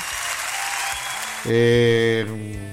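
A crowd claps in a steady, dense wash of applause, then a loud sustained musical tone briefly cuts in over it before fading back to the clapping.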